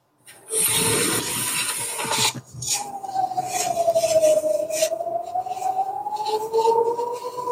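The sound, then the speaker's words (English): After a burst of rough rustling noise, air raid sirens warning Israelis of incoming rockets wail through an opened window during a Zoom call: a steady, mid-pitched tone that slowly dips and rises, holding over faint background noise. “These are the sirens, basically warning the Israelis that there are some rockets coming in a couple of minutes.”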